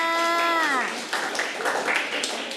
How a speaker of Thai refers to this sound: อ๋อเด็กๆปรบมือให้เพื่อนค่ะ